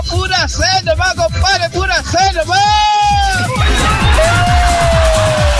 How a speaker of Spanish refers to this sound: Ahí tenemos una oveja descarriada. Tenemos una oveja descarriada. Tenemos una oveja descarriada. Atención, ahí tenemos una oveja descarriada.